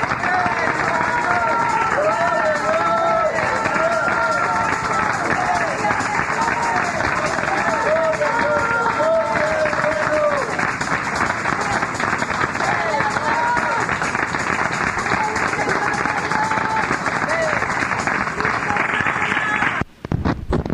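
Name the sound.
audience applauding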